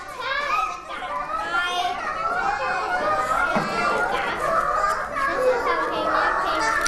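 A loud, continuous din of many children chattering and calling out at once in a classroom during an activity, overlapping voices with no pauses for the full duration.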